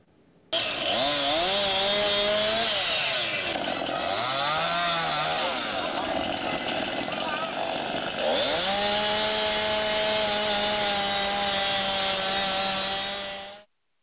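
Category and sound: tool, chainsaws cutting storm-damaged trees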